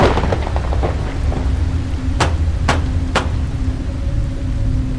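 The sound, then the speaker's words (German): Steady, heavy rain hisses throughout over a low rolling rumble, with three sharp crackling bursts in quick succession midway, like thunder breaking through the downpour, as a sudden storm breaks over Blackwell's Island. No voices. “Wie aus dem Nichts brach das Unwetter über die Insel herein.”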